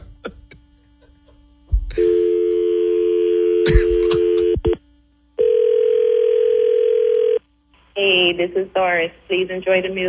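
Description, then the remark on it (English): A steady, buzzy telephone dial tone sounds after a click as the other party hangs up on the call, cuts off briefly, then returns as another long flat tone before a voice comes on the line. “Boy, he didn't cuss us out, but he keep hanging up.”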